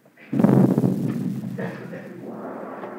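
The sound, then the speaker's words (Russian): A single cannon salute shot booms out suddenly, loud and heavy, then rumbles away in a long echoing tail that fades over a few seconds, with no voices. “А это, вероятно, какой-нибудь купец самодур слезает со своей баржи, так вот в честь его салютует.”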